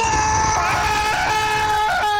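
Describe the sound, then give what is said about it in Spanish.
A man who is sick with a cold lets out a long, loud, strained scream as he steps into an icy cold shower at 5 a.m., held steady for about two seconds with a slight waver and no other sound. “Panita dice que a las 5 de la mañana el panita que está enfermo, resfriado, ingresa a la ducha y en la tranquilidad de la madrugada los vecinos de ese individuo van a escuchar un grito así como”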